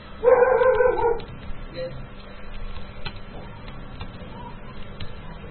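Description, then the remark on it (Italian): A dog lets out a loud, drawn-out yelping bark near the start, lasting about a second, followed by quieter background noise and faint rustling. “Ammazzate quel cane per favore.”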